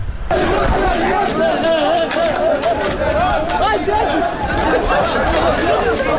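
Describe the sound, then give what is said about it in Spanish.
A loud, dense crowd of many people shouting and calling out at once, with a constant rush of movement and footsteps beneath the voices, as the group runs toward the port. “Se les oye correr”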